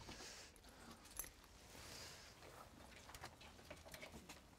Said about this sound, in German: Wir brauchen den Schlüssel. Ja, geben Sie mir mal den Schlüssel, bitte. Genau, den Schlüssel brauchen wir.